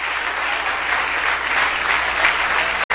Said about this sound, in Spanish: Dale un aplauso a Cristo, que él se lo merece. Y que el aplauso sea fuerte, grande y largo en lo que ellos cambian esas cosas allá.